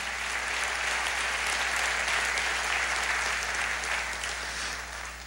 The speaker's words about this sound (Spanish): A su nombre, a su nombre, denle ese aplauso fuerte a Jesús.